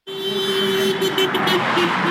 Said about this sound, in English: Cars honk as people gather along a main road in Allentown, waving signs protesting the GOP-controlled Congress.